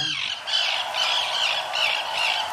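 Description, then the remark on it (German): Harsh, grating Arctic tern calls repeat in quick succession, loud, with rasping squawks overlapping one another and no voices present. “And the winner is... Erste Wiener ist... Die Küstenseeschwalbe.”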